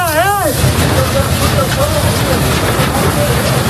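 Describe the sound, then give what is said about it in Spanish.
A siren wails briefly at the start, then a steady, dense roar of wildfire and engines as Military Emergency Unit crews fight the fire house by house to protect homes and residents in the Community of Madrid, with faint voices and shouts of the crews beneath it. “Pues ahí podemos escuchar a los equipos de la Unidad Militar de Emergencias peleando casa por casa, defendiendo, trabajando sin descanso para proteger a la población y a las viviendas.”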